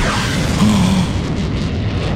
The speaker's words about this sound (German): Das war Tom Cruise in seinem Düsenjet.